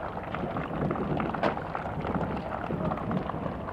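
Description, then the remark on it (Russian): Enthusiastic applause from a large crowd at an airport farewell as Nikita Khrushchev greets members of the Yugoslav embassy, a dense, steady wash of many hands clapping that holds at an even level for the full few seconds, with a faint murmur of voices underneath. “И снова горячие аплодисменты.”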